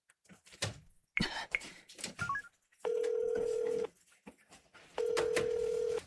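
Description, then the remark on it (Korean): Phone sounds as someone calls their department manager: a few handling clicks and short dialing tones, then two long, steady ringback tones about a second each, separated by a pause, with no one speaking. “제가 부장님께 전화드려볼게요.”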